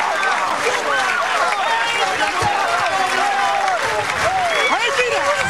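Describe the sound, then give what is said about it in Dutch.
A crowd of Riep supporters cheers loudly and continuously after their side wins the final of the 124th PC, many overlapping voices shouting and whooping at once, with some clapping mixed into the steady roar. “Dat je hem hier een gejuich der van de Riepsters.”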